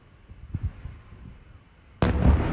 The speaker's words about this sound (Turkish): Sirenler çaldı, patlamalar peş peşe geldi. Alevler geceyi aydınlattı.